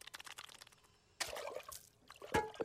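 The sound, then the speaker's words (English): Water is poured into a glass, a splashing, trickling rush, followed by a brief pause and a few gulping sips as someone drinks. No talking. “I'm thirsty. Drink water.”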